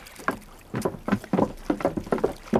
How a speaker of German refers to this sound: Da, sehen Sie bloß. Da kommt einer von den Matrosen angeschwommen.